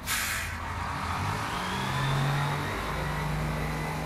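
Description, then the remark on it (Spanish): A bus engine revs with a steady low rumble, its pitch climbing and falling over a few seconds, with a brief hiss of air at the start and no voices. “Iban los camiones, llegaba uno y yo le hablaba al dueño: señor, ocupamos otro, y señor, ocupamos otro, y señor, ocupamos otro.”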